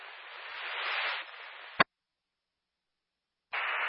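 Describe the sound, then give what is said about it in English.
Quiet, band-limited radio static hisses steadily, cuts off abruptly with a sharp click, falls silent for nearly two seconds, then the hiss returns. No voices are heard. “Radio, low static in the background, but radio.”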